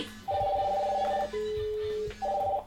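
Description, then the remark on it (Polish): A mobile phone rings with an incoming call, an electronic ringtone: a warbling two-note tone, a lower steady beep, then the warble again. It sounds moderately loud, with no voices. “I środkowym klawiszem odebrałem telefon.”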